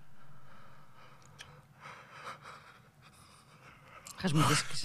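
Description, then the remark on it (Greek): A person yawns with a long, breathy exhalation that swells into a louder, strained gasp near the end, with faint murmuring in the background. “Χασμουρήθηκε.”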